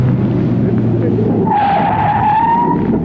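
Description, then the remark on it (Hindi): A car brakes hard to a sudden stop at a traffic light showing a stop signal, its tires letting out a loud, sustained screech over a steady low engine rumble, lasting about a second and a half. “तुम रुक क्यों गए? सामने ट्रैफिक लाइट में स्टॉप सिग्नल है।”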